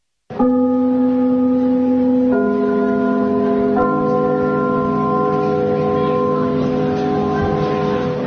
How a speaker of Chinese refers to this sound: 听我们开幕的那个钟声， 嗯， 听着这都一种感情了。 什么？ 所以我们在如果在别的剧场去演出，啊，我们一定把这个钟声录下来。